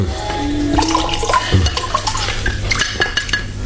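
Water runs and splashes steadily, with scattered light clinks of dishes or utensils against it. No one speaks.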